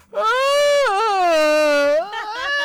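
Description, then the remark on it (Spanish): A loud, drawn-out vocal yawn, a single tonal groan of about two seconds that wavers and slowly sinks in pitch before trailing off into a softer, breathy tail. “¿Ustedes son de los que bostezan y hacen ruido cuando bostezan?”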